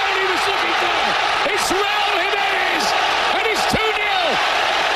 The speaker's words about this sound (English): Oh, baby, that crowd is fired up in Mexico City. The sound courtesy of Fox Sports. The second goal coming in the 67th minute.